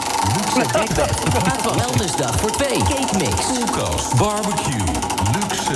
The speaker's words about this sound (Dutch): Nou, dan gaan we gelijk maar een slinger aan het rad geven, hè.